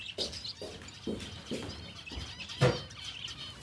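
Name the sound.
birds chirping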